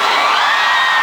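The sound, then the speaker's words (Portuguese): An audience shouting and whooping loudly together, a dense, sustained wall of cheering voices filling the whole brief moment. “Quem gostou, solta o gritão!”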